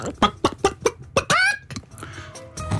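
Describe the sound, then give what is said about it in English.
A person imitates a chicken, giving five quick clucks followed by a longer rising squawk, fairly loud, with some background noise afterward. “My chicken's quite good.”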